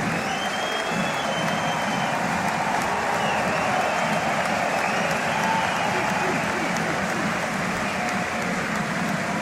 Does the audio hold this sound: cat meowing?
no